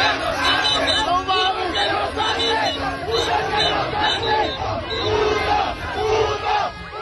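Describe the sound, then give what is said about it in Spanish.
A large crowd of Mexican football fans of various ages shouts, chants and cheers continuously in the street along Paseo de la Reforma and Avenida Juárez in Mexico City, celebrating victories of the Mexican national team, a loud, dense roar of overlapping voices with rising chants and yells throughout. “Los gritos, las porras y festejos de los aficionados de distintas edades hicieron vibrar el corredor de Reforma y Avenida Juárez, así como sus calles aledañas, donde cientos de comensales festejaban en restaurantes y bares cada gol de la selección”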